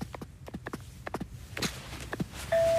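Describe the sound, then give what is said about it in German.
Several footsteps tap along, then a loud, steady electronic doorbell tone at a house suddenly starts and holds through the end. “Aber komm, klingeln wir doch einfach mal.”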